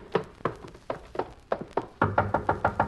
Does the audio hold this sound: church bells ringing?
no